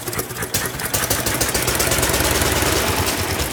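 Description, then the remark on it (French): A two-cylinder, water-cooled engine with magneto ignition is started with a crank handle. It catches and settles into a loud, steady idle, with a rhythmic low chugging and rattling vibration running throughout; no one speaks. “Le moteur tourne parfaitement.”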